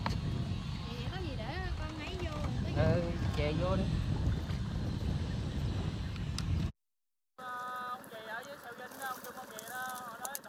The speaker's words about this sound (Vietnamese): Mỗi lần ghe cập bến là cả xóm biển rộn ràng hẳn lên. Bến cá nhỏ bỗng vang lên tiếng ghe máy, tiếng người mua bán và cả tiếng cười nói rộn rã của xóm biển.